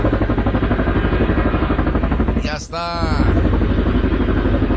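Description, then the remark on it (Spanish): A helicopter approaching and landing: loud, steady engine roar with a rapid rhythmic rotor chop, briefly dipping midway as a whining tone sweeps, then returning at full strength. “el que ya se viene acercando es ni más ni menos que el helicóptero, ya viene por ahí cerquitas.”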